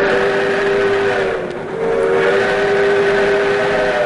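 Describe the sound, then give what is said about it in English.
The Skunk Train's restored steam engine rumbles along the tracks through a redwood forest, with a loud, sustained whistle blowing over the noise. The whistle dips briefly partway through, then resumes just as strongly. No one speaks. “Ride the tracks, filling the redwood forest with clouds of steam and the sounds of a bygone era.”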